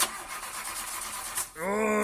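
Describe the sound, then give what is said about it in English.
A car engine cranks with a rough, grinding whir for over a second, then sputters and catches into a steady, rising run, fairly loud. “The car not running as well as it should?”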